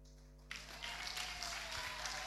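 An audience bursts into sustained clapping after a brief quiet moment, a dense, steady wash of many hands that holds at an even level with a low background hum underneath.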